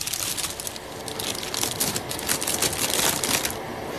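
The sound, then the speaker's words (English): A deck of playing cards being shuffled, a dense run of rapid papery riffling clicks that continues steadily for several seconds with no voices. “I'm going to shuffle the cards now so we can get our good listener in.”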